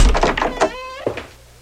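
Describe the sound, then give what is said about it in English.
A door creaks open on a squeaky hinge, then shuts with a solid thunk, fairly loud, with quiet room tone fading after. “Yes, just go through the door.”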